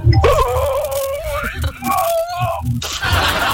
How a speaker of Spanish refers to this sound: Esa persona se está estirando más que bostezando. Sí, como en el, se da cuenta que cuando uno bosteza igual y se estira como.